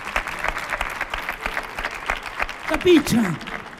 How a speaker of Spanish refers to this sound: Un aplauso para Lucy Paradise y para Carlos Granaderos. Sí, señor.